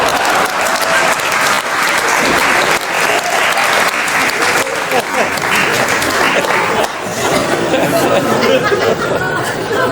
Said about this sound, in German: Ein Applaus für meine Assistentin